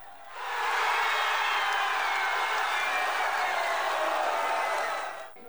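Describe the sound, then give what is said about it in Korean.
Students holding South Korean flags and wearing national football team jerseys in a university auditorium erupt into loud, sustained cheering and screaming as a goal is scored, a dense roar of many voices that swells quickly and holds steady for about five seconds before cutting off. “숨죽이며 경기를 지켜보던 순간 득점 장면이 나오자 환호성이 터져나옵니다.”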